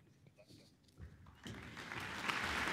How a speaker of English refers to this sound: Applause for André de Ridder to conduct Schumann's spring-inspired first symphony, performed by the New Zealand Symphony Orchestra.